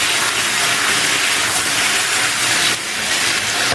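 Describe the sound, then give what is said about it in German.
A breaded veal schnitzel, pounded flat and dipped in flour, egg and breadcrumbs, sizzles loudly in a frying pan as it is fried golden brown, a steady crackling hiss of hot fat that carries on without pause for the whole stretch, with no voices. “Dann ab in die Pfanne und goldbraun anbraten.”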